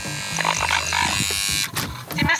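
The doorbell buzzer of a home in Scheuben-Grobsdorf, Thuringia, rung by the MDR Thüringen Quizmobil, drones with a steady, low electric hum for about a second and a half, then cuts off, leaving a few short rustling noises.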